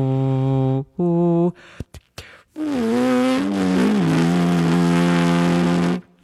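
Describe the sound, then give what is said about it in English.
A horn player hums in the throat without the horn at the lips: two short steady notes, then after a few soft clicks a long, wavering hummed tone that slides and dips in pitch before stopping abruptly. Fairly loud, with no talking. “And this is me humming.”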